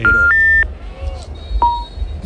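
Electronic phone tones of an unanswered call to Paquito beep over a low background rumble: two steady, rising-pitched tones at the start, then a single shorter beep about a second later.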